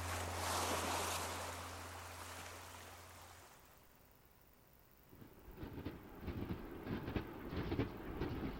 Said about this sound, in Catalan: A mi tot aquest tram en tren entre Figueres i Girona em sembla sublim.